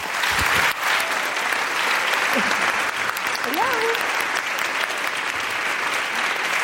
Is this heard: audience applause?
yes